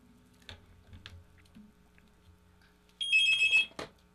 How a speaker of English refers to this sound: We got a phone call coming in. All right, let me get this one.